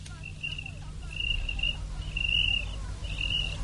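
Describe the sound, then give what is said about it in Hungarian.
A cricket on a roof beam chirps in four short, high trilling bursts at a steady pace, clear, over a low, constant background rumble. “Ó, a táltos tücsök, ott a gerendán.”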